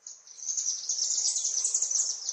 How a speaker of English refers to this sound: Every evening at dusk, we're playing recordings of chimney swift songs in an attempt to lure them into the new space.